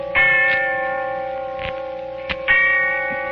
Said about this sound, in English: And the sound of the bell tolling away in the darkness of early evening.